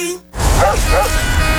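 A dog barks twice in quick succession, loud, over a dense, noisy background after a brief hush at the start.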